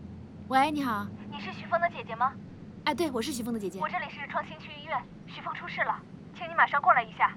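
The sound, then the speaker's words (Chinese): A phone's melodic ringtone plays steadily for several seconds, a bright, repeating tune with voice-like tones, moderately loud against a faint background hum. “哎，我接个电话啊。”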